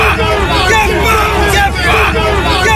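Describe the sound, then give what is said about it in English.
Hundreds of anti-migrant protesters gathered in Gosport, a dense, continuous roar of many overlapping voices that stays loud and steady with no single speaker standing out. “This is the sound of hundreds of protesters gathered in Gosport just 1 month ago.”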